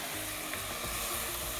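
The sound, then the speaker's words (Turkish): Chicken broth poured into a hot pan over vegetables for a soup sets off a loud, steady, crackling sizzle that hisses continuously, with no voices. “Şimdi tavuk suyumuzu ekliyoruz.”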